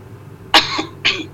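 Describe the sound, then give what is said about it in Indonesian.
Two harsh, breathy coughs in quick succession, the first stronger, with a rough throat-clearing quality; fairly loud against a quiet background, no talking. “Batuk, Ustaz.”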